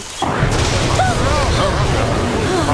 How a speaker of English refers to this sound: That sounded close. It certainly did. Fire! It must have been the lightning.